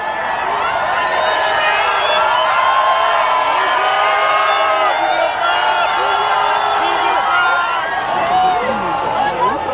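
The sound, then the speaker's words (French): A large crowd cheers continuously under the sun as the Pope passes in the popemobile, greeting the crowd left and right; a dense wash of overlapping shouts, whoops and high voices holding loud and steady for the whole stretch without a break. “Le pape salue la foule, à droite, à gauche, s'arrête parfois pour bénir un enfant qu'un bénévole lui tend et il passe en quelques secondes.”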